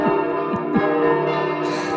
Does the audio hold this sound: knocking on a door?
no